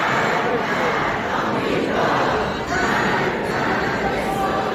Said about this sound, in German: Und schon früh brannten Rufe auf wie Tod Amerika, Tod Israel, wie hier in einem überfüllten U-Bahnhof.